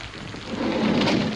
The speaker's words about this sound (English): Raining. A bit.